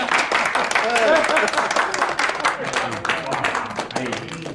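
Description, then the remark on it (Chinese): Steady, brisk hand clapping welcomes a bride and groom in wedding clothes into the front hall. A dense patter of sharp claps at fairly even loudness fills the whole stretch, with voices speaking over it. “我这得鼓鼓掌。”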